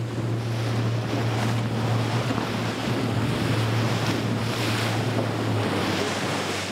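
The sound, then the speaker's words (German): A motorboat driven by Don Pato speeds over ocean waves, its steady low engine drone running beneath loud rushing water and wind buffeting the microphone, the engine hum dropping away shortly before the end. “Don Pato rast los.”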